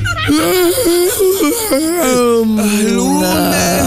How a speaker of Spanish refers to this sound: Bostezada con estirada.